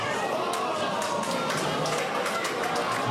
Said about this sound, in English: But the room was so full of fans, others sat shoulder to shoulder on the ends of pool tables, decked in green and gold. The hum of the pub punctuated by sudden gasps, then quiet, then a collective yell and applause.